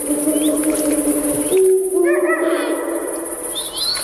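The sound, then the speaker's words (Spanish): A deep, drawn-out call from a Eurasian eagle-owl hums low and steady, reverberating between two huge rocky cliffs at the Portilla del Tiétar in Monfragüe, while smaller birds chirp and twitter more brightly over it in the background. “El búho real, el gran duque, domina la puesta en escena.”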